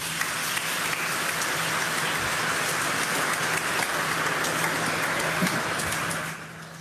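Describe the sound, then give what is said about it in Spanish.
An audience applauds the Holy Trinity, a dense wash of many hands clapping at an even level for about six seconds before tapering off at the end, with no voices over it. “La Santísima Trinidad, un aplauso.”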